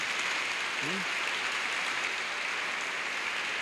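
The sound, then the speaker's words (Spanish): An audience at a church service applauding Jesus Christ at the preacher's call, a steady wash of clapping from many hands that fills the space and carries on evenly throughout, with a brief voice sounding faintly beneath it. “Estamos en un año de jubileo, dele un aplauso a Jesucristo por eso.”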